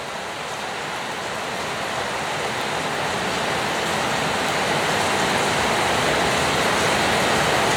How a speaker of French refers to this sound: Quand il pleut des trombes comme ça, il se met tous les oiseaux dans le feuillage. Ils s'abritent, ouais. Ils attendent que ça passe.